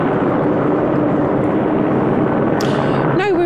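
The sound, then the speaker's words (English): A helicopter hovers overhead, its loud, steady rotor roar filling the whole clip with dense, unbroken noise and a faint low hum, while a voice briefly breaks through near the end. “I hope you can hear me because there is a helicopter hovering overhead.”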